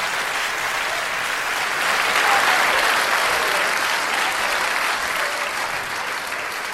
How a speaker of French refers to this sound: Bonaparte entra dans sa loge. La salle se leva. Les applaudissements durèrent plusieurs minutes.